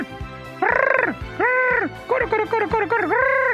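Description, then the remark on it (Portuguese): A person vocally imitates the answering call of a saracura wood-rail: loud, arching nasal hoots in a rhythmic run, a few long notes then quicker clipped ones, with no other sounds. “Ela, aí uma outra vai e responde.”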